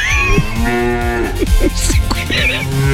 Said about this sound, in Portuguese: Vamos lá, gente, mugido especial para aquela pessoa especial.